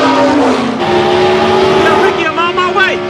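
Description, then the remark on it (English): A loud race car engine roars steadily, then its pitch climbs sharply as the driver puts his foot down and accelerates near the end, with indistinct voices mixed underneath. “Cal puts his foot down. His engine blows and he veers off into the side.”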